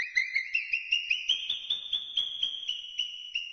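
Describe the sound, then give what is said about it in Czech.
Alarmed marmot whistling: a shrill, high-pitched whistle pulsing rapidly at a steady rhythm, rising slightly in pitch at first and then holding, loud and continuous with no voices. “Z dola z rytířského hradu svišťů se komínkem neslo poplašené pískání.”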